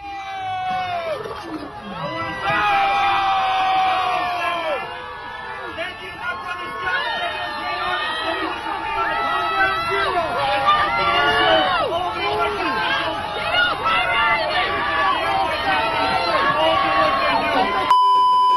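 A large crowd at a police event on Staten Island, New York, boos and jeers loudly and without letup at Mom Donnie until he leaves the stage. Many overlapping voices rise and fall in a dense, sustained roar that never drops away.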